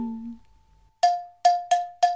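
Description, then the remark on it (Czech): Small bells, meadow bellflowers set swinging, ring out in four bright, metallic strikes at the same clear pitch. Each strike rings briefly before fading, in a quick, slightly uneven rhythm, after a faint low hum fades out. “No tak je libo něco jemnějšího, sličná slečinko, tedy rádo se stane, stačí rozhoupat zvonky luční.”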